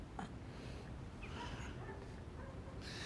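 A dog that has been shot whimpers and whines in thin, wavering cries over a steady background hiss, faint, with no one speaking.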